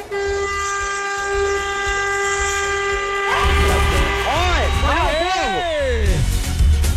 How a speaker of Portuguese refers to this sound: Que é isso, cara? Que é isso? Tu quer buzinar? Tu quer? Quer, ó.